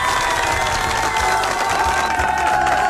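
Audience applause for a person fills the whole three seconds, a steady, dense wash of clapping mixed with crowd cheering and shouts, holding an even loudness throughout with no pause.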